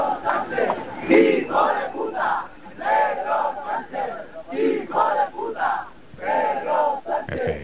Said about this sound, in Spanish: Insultos y abucheos desde la gente que está allí esperando a que comience el desfile